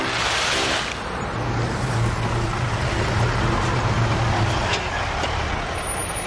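A heavy concrete mixer truck rumbles by, its diesel engine droning loudly and steadily with a deep low hum, and no one speaking.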